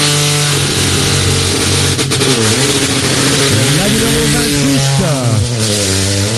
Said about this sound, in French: Numéro 28, Peugeot 208 était là, il nous le rappelle, la Rallye 4. La bafouille un petit peu au démarrage quand même, hein. Ça n'a pas été un démarrage top à 100%, mais bon, parti quand même, hein.